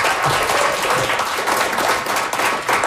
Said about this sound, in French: Je pense qu'on les applaudit très fort.